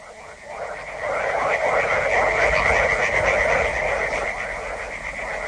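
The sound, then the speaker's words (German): A dense chorus of frogs croaks continuously from a backwater, many calls overlapping into a loud, steady rattling drone that swells after the first second and holds throughout. “Die Frösche in den Altwässern, sie sind so laut, dass ich die nicht höre.”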